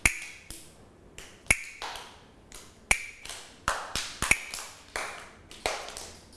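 Wooden hand clappers, played by a teacher as a slow rhythm signal for children's morning movement exercise, strike about a dozen sharp, dry clacks at a slow, steady pace, some with a bright ringing edge, each dying away quickly, with no talking.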